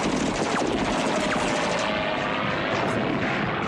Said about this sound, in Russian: Самолетная пушка вспарывает землю рядом с окопом.